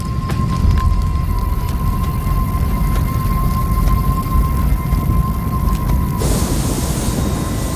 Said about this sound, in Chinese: 又过了几周，卡塔维国家公园的旱情进一步恶化。远处的风暴没有带来雨水，而闪电却点燃了干燥的草原。